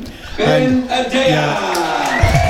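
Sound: football crowd cheering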